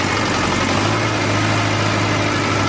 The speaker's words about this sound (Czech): Traktor odváží do krouhárny.